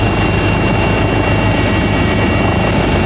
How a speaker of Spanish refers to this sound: Solo en Madrid 4 helicópteros con cámaras van a velar por la seguridad del Papa y de todos.